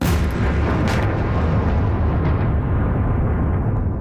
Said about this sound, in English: Those are explosions in the Ukrainian capital shortly after the departure of U.S. peace negotiators.